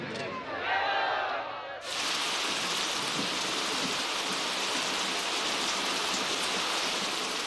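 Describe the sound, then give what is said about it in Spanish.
Steady rain, the first after months, pours down in a dense, hissing wash that fills the whole clip, loud, after a brief murmur of voices and activity at the very start. “Hoy llueve, después de meses.”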